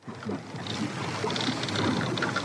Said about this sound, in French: Ah, il craque ce vieux bateau. Hein. Il craque de toutes parts, il va couler.